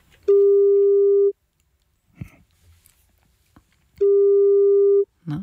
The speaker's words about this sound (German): Wir haben hier eine Telefonnummer von jemandem und da rufen wir jetzt mal an und gucken, ob er oder sie rangeht. Ne?